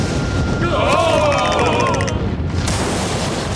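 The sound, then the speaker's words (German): Thunder of a thunderstorm, with dark clouds gathering on the horizon, heard aboard a ship, roars and crackles loudly throughout, a dense, steady rumble with wavering higher tones briefly rising over it in the first half, then the rolling noise continues on its own. “Und zu allem Übel ziehen am Horizont auch noch dunkle Wolken auf. Hm? Seht doch! Ein Gewitter!”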